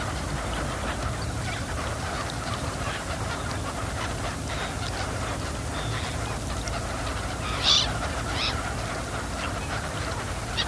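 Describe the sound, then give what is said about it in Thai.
A flock of garganey ducks that migrated from Siberia call together on the water in a steady, overlapping chatter that runs throughout, with one louder, sharper call standing out near the end. “เป็ดปากสั้นเป็นเป็ดในกลุ่มที่ว่ายหากินอยู่บนผิวน้ำใช้ปากไซหาสัตว์และพืชน้ำเล็กๆกินเป็นอาหารเป็ดปากสั้นกลุ่มนี้หนีความหนาวเย็นมาไกลจากไซบีเรีย”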